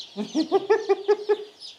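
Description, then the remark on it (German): A chicken clucks in a quick run of about six or seven short, throaty clucks at a steady rhythm, with faint higher chirps in the background and no talking. “Die braunen Küken sind immer Hennen.”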